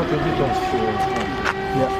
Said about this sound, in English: The latest air raid siren sounding, a taste of Kyiv's new normal over the past month as Russia has escalated its air war.